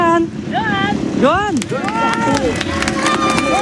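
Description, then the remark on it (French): The Honda team motorcycle of MotoGP rider Zarco, winner of the last French Motorcycle Grand Prix, arrives. Its engine revs up and down in loud sweeps of rising and falling pitch, drawing nearer over a steady background of crowd chatter. “En tenue, aux couleurs de son écurie Honda, est venu avec sa moto.”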